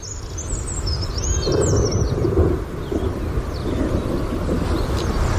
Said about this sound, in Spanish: vamos a por otra especie que creemos también que te cautiva, porque lo has comentado en alguna ocasión, el alcaudón dorsirrojo. En este caso aparece en las páginas de mayo y le vamos a escuchar.